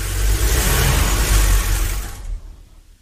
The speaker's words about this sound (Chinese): 一天，我正在家里无聊时，听见一辆汽车停到了楼下。